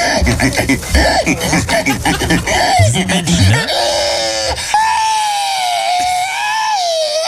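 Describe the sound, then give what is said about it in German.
A person imitates a pig at the annual pig-squealing competition in Estonia, starting with rapid grunts and snorts, then breaking into a long, shrill, wavering squeal that holds loud and high for several seconds. “In Estland, da haben jetzt wieder die alljährlichen Wettbewerbe im Schweinequeken.”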